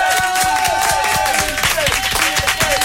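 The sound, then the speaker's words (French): A large audience applauds loudly and steadily on the Énergie radio show, dense overlapping claps, with some cheering and what sounds like whistling mixed in throughout. “J'aimerais qu'on fasse un tonnerre d'applaudissements”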